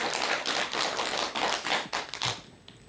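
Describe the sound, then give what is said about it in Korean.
An audience at a talk applauds a man who asked a question: a dense, steady patter of many hands clapping together for a couple of seconds, then quickly tapering off into near silence. “오늘 멋진 질문 해주신 우리 거사님께 다시 한번 박수 부탁드릴게요.”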